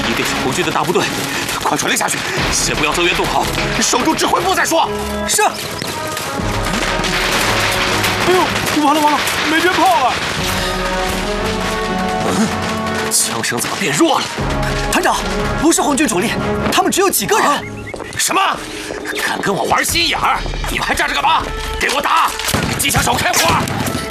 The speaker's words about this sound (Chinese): 哎呦，完了完了，没鞭炮了。 枪声怎么变弱了？